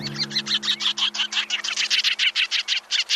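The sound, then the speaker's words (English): Sanderling calls, a sandpiper, ring out as a fast, steady series of short, high chirps, about six or seven per second, clear, over a faint low hum with no talking. “And my number one sandpiper, the sanderling.”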